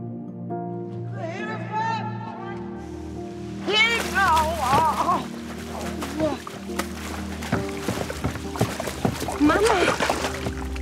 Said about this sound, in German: Dann wäre nur sie da gewesen, als ihre Mutter sich zum Steg geschlichen hat und ins Wasser gefallen ist.